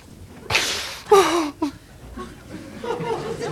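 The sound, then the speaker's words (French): A sharp slap across the face cracks out as a father slaps his young son, followed at once by a startled cry and some soft whimpering. “Tout le temps me foutre des gifles quand je veux pas manger des machins que j'aime pas.”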